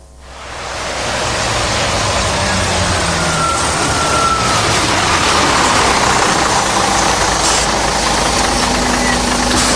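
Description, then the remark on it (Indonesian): A TransJakarta city bus on Corridor 8, the Lebak Bulus–Harmoni route in Jakarta, Indonesia, idles with a steady rumble under a broad wash of hiss. It holds constant for the whole stretch after a quick swell at the start, with no voices. “Pelanggan yang terhormat, selamat datang di Bis Trans Jakarta Koridor 8 dengan rute Lebak Bulus Harmoni.”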